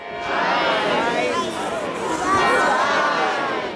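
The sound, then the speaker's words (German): A big crowd of children on the Rathausplatz in Augsburg shouting and counting aloud together the bell strikes as the angel of the Perlach Tower stabs the devil, their high voices overlapping in a loud, steady chorus with no pause for the full stretch. “Die Kinder auf dem Rathausplatz zählen mit.”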